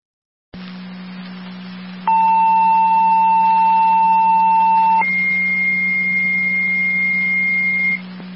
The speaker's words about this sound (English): Fire Control, Wilcoxville, your second set of tones for your EMS call on Akron Road. Repeating to Wilcoxville, your second set of tones for your EMS call, Fire Control clear